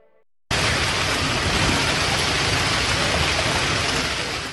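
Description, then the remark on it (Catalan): A hailstorm on a Monday evening in Tarragona pounds down in a dense, unbroken roar of countless impacts, loud and steady throughout after cutting in abruptly following a brief quiet moment. “Així sonava la calamarsada que queia aquest dilluns al vespre a Tarragona, una tempesta que ha inundat carrers, baixos i comerços i que ha fet caure diversos arbres, afectant la mobilitat.”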